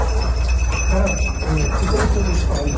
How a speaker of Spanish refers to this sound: Son las campanillas de los perros que rastrean entre escombros para hallar supervivientes.